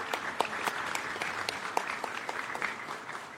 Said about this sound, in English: Your individual contributions were seen and deeply appreciated by all member states, and I think this is also worth a round of applause to the whole team behind it.